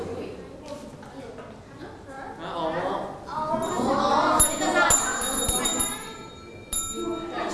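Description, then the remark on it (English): A desk bell is struck several times in quick succession to answer in a picture-naming quiz, each tap giving a bright, ringing ding that lingers, while voices murmur and talk in the background. “If you know the answer, just hit the bell.”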